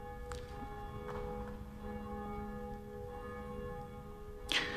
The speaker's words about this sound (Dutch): In de klokkentoren, die zich duidelijk laat horen, wel, daar is een van die klokken, die heet Jacobus, naast Barbara en Blasius. En die horen wij momenteel luiden.